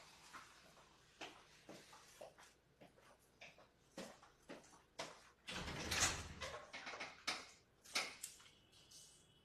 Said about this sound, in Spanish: Vamos a ver, va a llegar un invitado en este momento. Voy a abrir la puerta para que lo tengamos con nosotros.